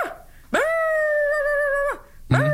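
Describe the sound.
A person imitates a wolf with a long, steady howl that rises at the start and holds for over a second, then a second howl begins right after a short pause.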